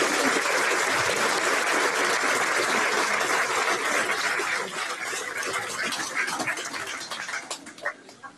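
Warm, sustained applause from an audience, a dense crackle of many hands clapping that holds steady and then gradually thins out toward the end.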